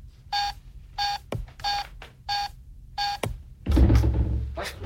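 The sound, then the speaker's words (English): Keypad buttons beep five times as a code is entered with the wrong keys, in a steady, evenly spaced rhythm, each a short mid-pitched electronic tone, with a couple of sharp clicks, then a harsher, louder burst of noise at the end. “Must have hit the wrong keys.”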